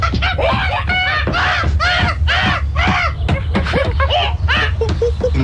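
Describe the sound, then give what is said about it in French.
Loud, harsh calls of wakak birds repeat in a steady series of arching, nasal caws, several birds calling over one another in the trees against a constant low rumble. “Je m'éloigne et dans les arbres, ils sont très rares, difficiles à approcher. Voici les wakaks.”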